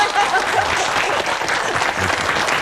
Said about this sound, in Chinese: 廖主任来了，来来来，我们给廖主任鼓掌。